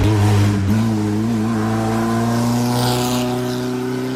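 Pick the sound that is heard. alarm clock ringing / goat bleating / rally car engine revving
rally car engine revving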